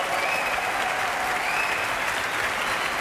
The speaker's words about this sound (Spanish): Gran ovación ahora para la soprano, Candy Chung.